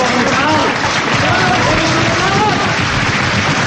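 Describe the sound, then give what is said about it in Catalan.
A crowd claps steadily in spontaneous applause before the first performance at the inauguration of the Teatre Lliure on 2 December 1976, a dense, continuous wash, loud and sustained throughout, with faint murmuring voices blended underneath. “Això era el 2 de desembre del 76, es va inaugurar Lliure i hi va haver aquest aplaudiment espontani que es va fer abans de la funció, eh?”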